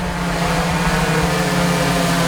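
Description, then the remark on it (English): An Amazon delivery drone in a drone delivery trial buzzes steadily in flight, a loud, continuous droning hum with a low tonal drone and a hissing whir layered above it, holding constant pitch throughout. “It says, that drone delivery sounds like a swarm of colossal bees coming your way.”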